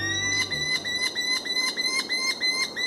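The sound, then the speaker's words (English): A merlin, a small, compact falcon, gives a sharp, high chattering call that repeats in a quick, steady series of about nine pulses, with bright ringing overtones and a faint low hum at the very start. “Smaller than a pigeon, but fierce enough to knock one from the air, are the powerful, compact falcons known as merlins.”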